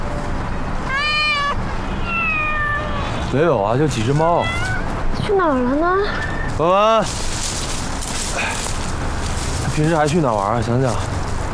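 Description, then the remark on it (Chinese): Several stray cats meow repeatedly on a lawn outdoors, their rising and falling cries overlapping in loud bursts against a steady background hiss. “没有啊，就几只猫。”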